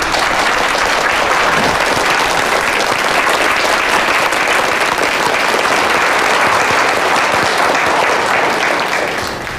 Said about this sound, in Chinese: 大家鼓掌，欢迎季总。